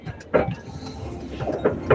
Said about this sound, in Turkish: Evet, biraz önce bir dinleyicim aracından sesli mesaj gönderdi ama araç takır tukur takır tukur dökülmek üzereydi.